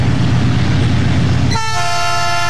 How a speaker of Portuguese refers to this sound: O trem tá passando aqui, o trem tá passando.